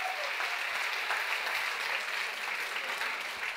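An audience claps steadily and cheers at the host's request, a dense, even wash of applause with no pauses and no speech, holding at a constant loud level throughout.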